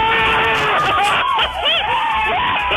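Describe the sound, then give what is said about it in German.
A loud crowd cheers and screams, many overlapping high-pitched voices whooping and shrieking in a dense, continuous roar with rising and falling yells. “Das wäre mal ein Jubel.”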